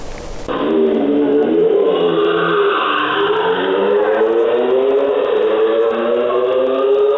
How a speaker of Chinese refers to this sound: 渝中区交通管理支队机动大队接到市民举报，称渝中区中兴路和平路路段有摩托车深夜猛轰油门，制造巨大噪音，严重影响周边居民、学生的夜间休息。